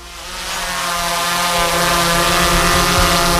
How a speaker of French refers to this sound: Ce bruit, c'est celui d'un drone, et plus particulièrement du drone qui est actuellement en train de survoler les églises peintes de l'Allier à l'intérieur comme à l'extérieur. Objectif, des vidéos et un film.